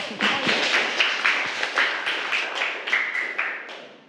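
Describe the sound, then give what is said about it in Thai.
A group of children claps together for a classmate for about four seconds, crisp overlapping claps falling into a loose, fairly steady rhythm at a moderate level, with no talking. “ใส่ซ่อนได้เก่งมากนะคะปรบมือให้เพื่อนค่ะลูก”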